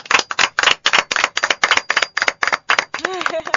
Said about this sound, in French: Merci énormément. Toujours là pour enrichir nos discussions, nos débats. Merci infiniment. On applaudit pour le professeur.